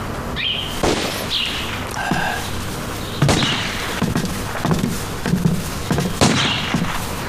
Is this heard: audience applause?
no